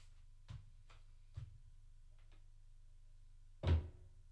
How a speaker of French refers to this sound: Elle a fermé la porte derrière lui.